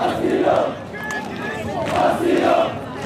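A large crowd chants in rhythmic unison, loud massed voices rising in two repeated bursts with a brief dip between them, steady crowd noise underneath.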